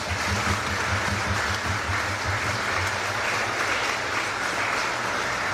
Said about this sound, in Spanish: No están presentes, pero démosles también un fuerte aplauso.